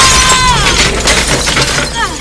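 A door bursts apart as someone is shoved through it in a fight, a loud crash and a scatter of splintering, shattering debris, followed by a couple of quick impacts and strained vocal grunts over the noise.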